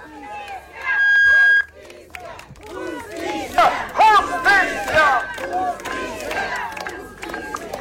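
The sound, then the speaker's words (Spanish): A crowd of protesters demanding justice shouts and chants together at the door of the Public Ministry, in front of the Provincial Prosecutor's Office in Coracora, many overlapping voices rising in loud, rhythmic bursts, with a steady high tone sounding at the start and again partway through. “pero antes se ha tenido una protesta en la puerta del frontis de la, del Ministerio Público pidiendo justicia ahí al frente de la Fiscalía Provincial.”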